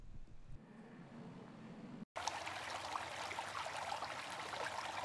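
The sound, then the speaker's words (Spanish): A low rumbling wash gives way after a brief cut to a bright, steady rush of streaming, pouring water, fairly loud, continuing without pause. “Agua. Fuente de vida.”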